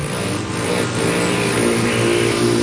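A steady, loud whirring buzz of a male rufous hummingbird's wings in flight, a continuous humming drone with a low tonal pitch and no pauses, heard alone without any voices.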